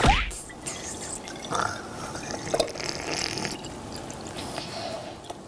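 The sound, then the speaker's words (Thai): Water is poured into a container: a steady low trickle with scattered gurgles and drips over about five seconds, fairly quiet, and no clear speech. “ขอกรอกได้ไหมขอกรอกได้ไหม มั่นใจแล้วนะครับ มาขอกรอก น้องกรอก”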